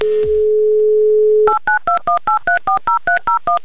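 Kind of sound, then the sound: signal or alarm, telephone number being dialed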